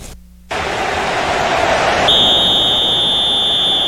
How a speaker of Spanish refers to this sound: Silbatazo final.